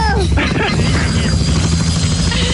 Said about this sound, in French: On fait un tour d'hélico.